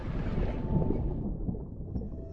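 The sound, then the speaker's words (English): Underwater hydrophone recording of thousands of herring swimming beneath a boat at a fishing trap: a dense, steady low rumble with a fizzing, crackly hiss on top that thins out partway through. No voices, just continuous muffled water noise. “Beneath him, in the shadow of the boat, he could see thousands of herring just swimming around down there. I put the hydrophone in the water...”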